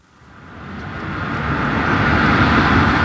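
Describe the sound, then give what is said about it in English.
Soft road traffic hums beside a busy main road in Shenzhen, China, a smooth tire-and-engine whoosh swelling gradually louder as a vehicle draws near, with no voices. “Standing beside the main road in Shenzhen, you almost forget you're in a city of some 20 million people.”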